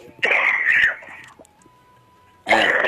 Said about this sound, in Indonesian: Aduh. Aduh. Batuk.